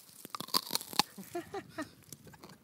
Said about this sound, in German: Schön, darf man da reinbeißen? Ich beiß da mal rein und probiere.